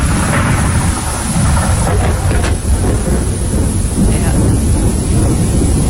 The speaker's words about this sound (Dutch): Dus effectief met donder en met regen en met zeer veel grijzigheid. Je ziet eigenlijk niks meer van de kust.